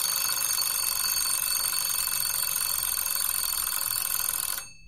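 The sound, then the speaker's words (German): A continuous electronic ringing, bright and steady, fills several seconds without pause before cutting off abruptly near the end, like a phone alarm or kitchen timer signaling that an agreed fixed time has been reached. “Man kann dann zum Beispiel den Handywecker stellen oder eine Küchenuhr. Wenn es bimmelt, ist der vereinbarte feste Zeitpunkt erreicht.”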